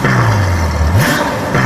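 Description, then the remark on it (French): A red, streamlined Ferrari sports car engine revs loudly, its pitch climbing and dropping before surging again near the end, with a throaty, sustained roar and no voices. “Elle est rouge, profilée. Son moteur vrombit comme aucun autre.”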